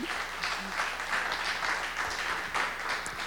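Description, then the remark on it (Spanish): Steady applause from a group, a dense, continuous patter of many hands clapping at moderate volume for a few seconds, with no voices over it. “Le aplaudimos a”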